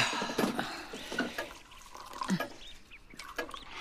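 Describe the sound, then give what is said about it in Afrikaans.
Apple juice being poured for two people, a steady liquid trickle with small splashes and clinks, moderately quiet, with no voices during the pour. “Kom ons sit nou eers, ek skink vir ons appelsap.”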